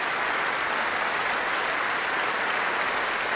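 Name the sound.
concert audience applause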